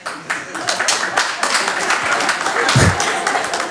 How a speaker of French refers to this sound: À savoir, imagine, demain, on te dit, il faut partir en guerre, défendre le pays. Par applaudissement, qui serait chaud pour y aller, là?